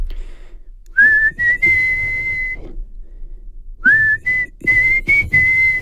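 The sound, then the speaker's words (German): A person whistles the intro melody of a rock ballad in two phrases, sustained rising notes with a brief pause between them, clear with no talking. “Also ein Welthit im Intro. Dort pfeifen sie auch so.”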